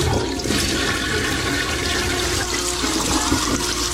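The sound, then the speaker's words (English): A toilet flushes in a courtesy flush, with a loud, steady rush of water that fills the whole stretch, uninterrupted, with no one speaking. “Courtesy flush!”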